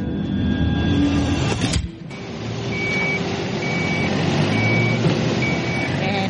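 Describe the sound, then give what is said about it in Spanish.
An old heavy work vehicle, open on one side only and without air conditioning, rumbles loudly, and after a brief lull its reverse alarm starts sounding, a steady series of about four evenly spaced high-pitched beeps over the engine noise. “Ese es un vehículo antiguo. Solo está abierto por un lado y no tiene aire acondicionado.”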